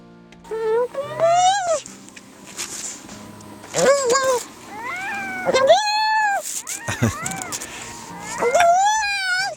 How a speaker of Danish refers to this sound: Jeg vil jo umiddelbart have sagt, det lyder som en eller anden syg kat. Ja, det kunne det godt lyde som, men det er en sælunge, der er ked af det. Den kalder på sin mor.